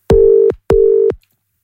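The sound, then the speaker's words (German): Two short, steady electronic phone tones sound in quick succession as a phone line rings after buttons are pressed to call someone back. They are clear, with no voices. “Da drücke ich mal da drauf, dann da drauf und dann klingelt's.”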